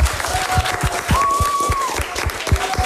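An audience applauds the day's winners as they go through to the final, with dense, steady clapping that stays fairly loud for the whole stretch. Thin, faint whistling tones drift over the claps.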